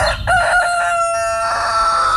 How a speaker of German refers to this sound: Oder vielleicht hören ein paar von euch morgen früh vor dem Wecker schon der Göckel.